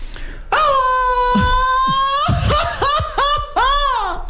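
A man lets out a Mexican grito: a long, loud, sustained high-pitched yell, then several shorter warbling whoops that rise and fall in quick succession, with no other voices.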